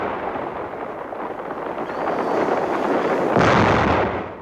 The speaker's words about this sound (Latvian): Mums sāk apšaudīt artilēriju.